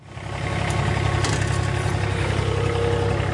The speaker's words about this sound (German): Es ist 10.15 Uhr. Die Sonne scheint auf den zwischen Bergen umgebenden Fußballplatz des ATV Irdning. Auf dem Rasenmäher sitzt Gerald Wurzbach und bringt wenige Minuten vor Trainingsbeginn nochmal alle Halme auf die genau gewünschte Länge. Auf 24 mm.